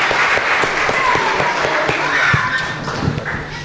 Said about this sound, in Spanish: Un aplauso a Dios que va a obrar.